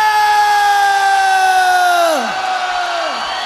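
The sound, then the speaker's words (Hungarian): A loud audience holds a long unison shout, an international call, the sustained note steady before dropping in pitch twice in quick falling swoops near the end. “Ez egy nemzetközi kiáltás.”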